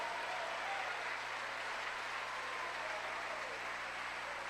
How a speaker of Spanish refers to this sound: Cuando bendicen el nombre del Señor, cuando le dan un aplauso al Señor.